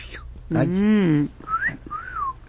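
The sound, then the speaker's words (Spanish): A person whistles a wolf whistle ("fiu fiu") in imitation of a parrot: a short rising note, then a longer falling one, clear. A brief voiced sound comes just before it. “Y entonces el vecino volteaba, porque el perico, en lugar de otra cosa, le silbaba.”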